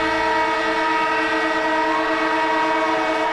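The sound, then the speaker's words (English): A siren blares in one long, steady blast on 774 ABC Melbourne radio, signalling the arrival of a sports segment, a loud, rich tone that holds its pitch for the full few seconds with no break and no voices. “And the siren goes off, which means Cameron Ling, AFL legend, ABC sports commentator, is in the house with some breaking news, Lingy.”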